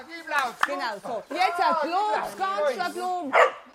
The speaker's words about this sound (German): Dann endlich. Ayla bellt und ihr Jagdinstinkt ist geweckt.